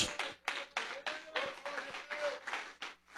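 An audience applauds Jesus as they sit down, clapping together in a steady, roughly even rhythm of sharp bursts that stays moderately loud throughout, with a faint sustained tone running underneath.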